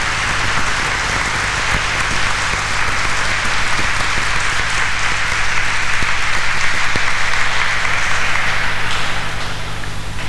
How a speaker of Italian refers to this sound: Facciamo applausi.